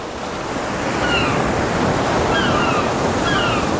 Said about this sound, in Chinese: 父亲，这儿风太大，咱们回去吧。 告诉我，你都看到了什么？ 大海啊。 我看到了海天一色。